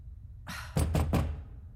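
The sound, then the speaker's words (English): Three quick, firm knocks on a door in a steady rhythm, fairly loud, with a low background rumble and no talking. “someone's at the door.”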